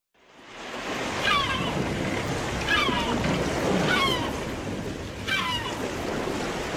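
Ocean waves slosh and splash steadily around a boat, coming from left and right, a constant rushing wash with wind, while brief high squeaks recur about once a second over the water noise.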